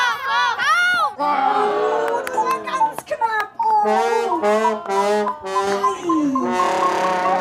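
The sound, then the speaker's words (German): A crowd of voices shouts over one another, loud, with high excited calls rising and falling in continuous bursts: an audience at a Kirchweih fair game guiding a blindfolded person who must hit a rubber rooster in a pot with a flail. “Eine Person bekommt die Augen verbunden und muss mit einem Dreschflegel einen Gummihahn im Topf treffen. Angeleitet vom Publikum.”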